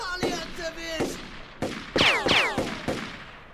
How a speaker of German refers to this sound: Ja, aber wenn ich den Felsen im richtigen Winkel treffe, dann... Na bitte! Hey, verdammt guter Schuss!